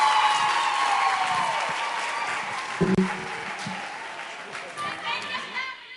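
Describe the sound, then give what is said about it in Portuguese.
An audience at a Children's Parliament session claps steadily for several seconds for Ivete Alane, Minister of Labour, Gender and Social Action, a dense, continuous wash of applause that stays fairly loud throughout, with a few brief voices and tonal cheers mixed into the noise. “Uma forte salva de palmas à nossa mãe, Ivete Alane, Ministra do Trabalho, Gênero e Ação Social.”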